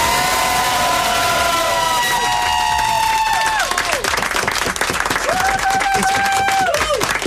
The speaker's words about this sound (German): Und die kriegt jetzt den Applaus von ganz, ganz